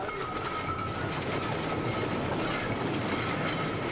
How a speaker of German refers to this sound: Bis dahin tat hier auch die Stollendampflok Kraus-Linz ihren Dienst. Jetzt pendelt die über 100-jährige Alte, wie sie genannt wird, mit den Besuchern auf der 2,6 Kilometer langen Strecke zwischen dem Bahnhof Fond de Gras und der Grube Doyle